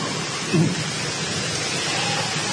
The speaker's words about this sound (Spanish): Ay, qué manera de llover.